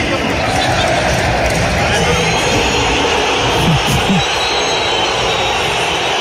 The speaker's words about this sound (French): Ouais, pas du tout même, parce qu'il a été sifflé partout, tout le temps, pendant cette soirée au Metropolitano, à commencer par l'annonce des compos d'équipe. Écoutez la bronca envers Julian Alvarez.